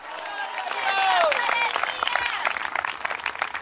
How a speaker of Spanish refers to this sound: ¿Cuánto creen que Cristo viene? Dele fuerte ese aplauso y ese gloria a Dios en esta hora.